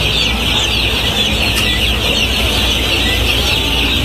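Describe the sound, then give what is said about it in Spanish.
A dense, continuous chorus of about 2,600 chicks peeping at once in a shed, shrill and steady with no pauses, loud and even throughout. “para que escuche, son 2600 pollitos.”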